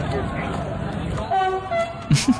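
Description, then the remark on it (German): A passing train's horn honks in two fairly faint, drawn-out tones over a noisy crowd background, followed by a brief loud burst of the crowd cheering near the end. “Und dann hupt er nochmal.”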